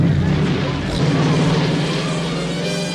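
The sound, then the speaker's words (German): The Batmobile from Tim Burton's 1989 Batman film, with its long hood and built-in turbine, roars steadily with a loud turbine-like whoosh, a deep droning hum running underneath the broad rushing noise for the full stretch without letting up. “Das Batmobil mit dieser langgezogenen Motorhaube und der eingebauten Turbine.”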